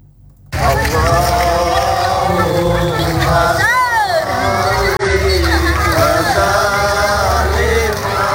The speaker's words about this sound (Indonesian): Suara langkah kaki ratusan warga yang berbaris berbondong-bondong diiringi dengan lantunan solawat riuh terdengar di kampung Kota Baru Kecamatan Negeri Agung mengikuti pawai obor peringatan Tahun Baru Islam.